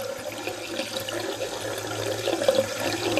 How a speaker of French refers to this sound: À peu près 10 secondes pour un litre. Donc ça veut dire qu'on est à peu près à 6 litres par minute. Ouais. Avec un robinet ouvert. Avec un robinet ouvert, exactement.